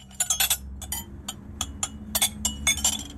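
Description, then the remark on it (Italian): Dishes clink and clatter in quick, irregular bursts of bright, ringing knocks, over a low steady hum with no voices, as a family gets ready to sit down at the table in the Swiss radio drama Le Ascoltatrici. “Fai piano con i piatti.”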